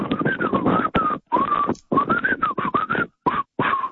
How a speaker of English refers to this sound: I'll see if you remember this. I've did it before. I can't whistle, but I'll try.